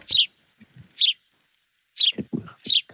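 A sparrow chirps: about five short, bright chirps in an uneven rhythm, some with a rougher, lower note underneath, with brief pauses between and no talking.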